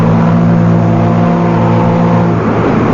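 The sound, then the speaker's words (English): A riverboat moves out into the stream after loading, its engine holding a loud, steady, low droning hum, with a slight shift in pitch toward the end and no voices. “The majestic boat moves out into the stream.”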